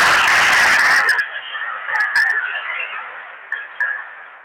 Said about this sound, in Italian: Facciamo un applauso.